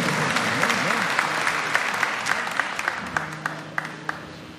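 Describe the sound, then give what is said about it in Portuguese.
A crowd applauds steadily with dense clapping and a few sharper claps standing out, while voices murmur and call underneath the noise. “Aplaude ele, aplaude ela.”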